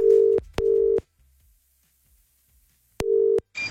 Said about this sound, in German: Moment, hier schon mal Telefonnummer gewählt und...